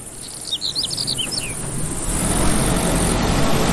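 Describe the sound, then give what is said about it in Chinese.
Birds chirp in a quick flurry over a soft outdoor background on a sunny, breezy meadow, then a low engine rumble starts up about halfway through as the meadow is being mowed, holding steady and growing slightly louder as it runs across the open field. “突然，草地上响起了发动机的声音。”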